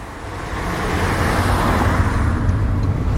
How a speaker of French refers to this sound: Et là, on a pris la voiture obligatoirement parce qu'on se rend chez tes parents. C'était un peu la route pour aller au collège, ça.